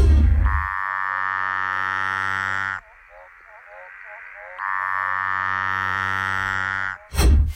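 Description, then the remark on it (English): A Litoria tree frog gives two long, buzzing, harmonic calls, each lasting a couple of seconds, with a brief pause between them filled by fainter chirps; loud. “Okay, this one's definitely one of the Latoria frogs.”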